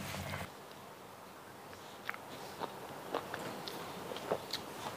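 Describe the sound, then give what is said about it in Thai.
Quiet chewing of freshwater snail meat eaten with cha-om and wild betel leaves: a string of soft, moist crunches and clicks at an irregular pace over low background hiss, with no talking. “หอยเนี่ยก็ได้เคี้ยวพอโดนชะอมโดนชะพลูเนี่ยคุณผู้ชมคะกลิ่นมันผสานกันแล้วมันทำงานด้วยกัน”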